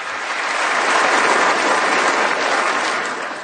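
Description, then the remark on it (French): A crowd claps steadily after a speech in dense, continuous applause that swells in over the first second, holds loud and even, then tapers slightly at the end. No voices are heard. “Ouais, il parlait des démocrates, des démocrates qui sont des crazy people, donc parce qu'ils applaudissent.”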